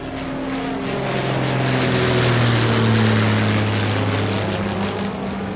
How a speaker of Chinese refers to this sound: 旅客同志们，飞机即将到达目的地北京，现在飞机开始下降，请大家系好安全带。